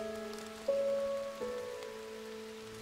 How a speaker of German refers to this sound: Ein Regentag an einem Waldsee. Etliche solcher Teiche findet man im Reinhardswald und alle sind von Menschenhand angelegt. Als Fischteiche für den fürstlichen Hof. Heute sind sie der Natur überlassen.